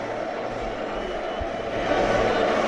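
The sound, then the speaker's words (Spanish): A dense, steady roar of a stadium crowd of Deportivo fans singing together in the rain at the José Zorrilla stadium, a broad wash of many voices that swells slightly louder toward the end. “Es, bueno, el hábitat natural en Galicia, y ahí los tenemos cantando y haciendo que se escuche este pequeño Riazor que es hoy el José Zorrilla.”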